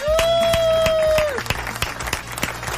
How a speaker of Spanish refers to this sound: Bienvenidas, bienvenidos a Almagro Obrero, el aperitivo anticorchazo, el programa de radio de la Asamblea de la Plaza Almagro, y este es un aplauso en vivo.